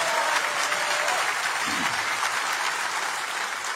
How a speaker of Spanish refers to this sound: Ah, si lo vas a hacer, dáselo a Jesús, porque ese aplauso no parece para Él.